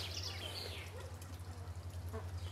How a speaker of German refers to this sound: Oh. Der Storch entdeckt das Wasser. Er badet. Toll, das habe ich auch noch nicht gesehen.